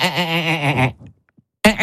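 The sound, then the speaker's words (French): A human voice imitates the song of the marsh frog, known in French as the 'laughing frog': a loud, quavering, bleat-like trill lasting about a second, then a short pause before another burst begins. “Et alors, grenouille rieuse... Pourquoi donc rieuse?”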